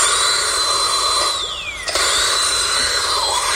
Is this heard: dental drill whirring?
yes